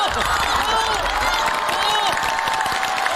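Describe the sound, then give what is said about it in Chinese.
A small group claps steadily and densely for a few seconds, applauding a coach's words, with a few excited voices and cheers mixed into the applause. “教练说的非常好，鼓掌。”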